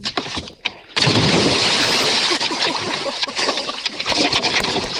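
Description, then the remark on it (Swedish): A sudden heavy splash as a person does a cannonball jump from a jetty into lake water, followed by several seconds of loud churning and spattering water, with no talking. “Var det där bästa plasket? Ja, men det var den bästa bomben.”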